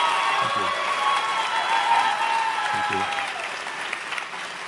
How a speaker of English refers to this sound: Thank you for holding your applause to the end.